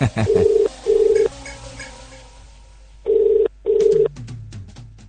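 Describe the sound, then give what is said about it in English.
A radio presenter dials a telephone number to reach a prize winner, with the line answering in two pairs of steady, loud electronic ring tones separated by a pause and soft background hiss, no voices. “So we're trying to dial this number and find out who is this lucky person.”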